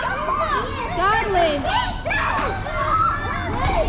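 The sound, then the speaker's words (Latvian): Many children's voices chatter, call out and squeal together in the modernly equipped yard of the Kriksītis preschool, a busy, lively blend of play that continues steadily throughout. “Mūsdienīgi iekārtotajā pagalmā jau čalo bērni.”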